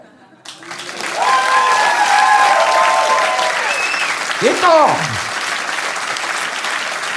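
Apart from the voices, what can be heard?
audience applause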